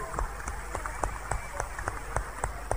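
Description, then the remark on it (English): An audience claps for Jesus in a steady, even rhythm, sharp unified claps about three or four per second over a constant murmur of background noise, with no clear speech on top. “I now saw the light and it's more clear clap for Jesus.”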